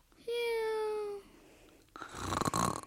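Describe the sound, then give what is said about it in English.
A single drawn-out, buzzy snore from a man who fell asleep waiting on the lawn of the state capitol in Baton Rouge, steady and fairly loud for about a second, then a pause and a burst of breathy, noisy sound. “He waited so long, he began to snore.”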